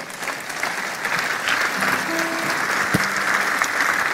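A standing audience breaks into sustained applause for the Holy Spirit, a dense, steady wash of many hands clapping that holds its level throughout, with a few faint sustained tones and a sharp knock briefly showing through.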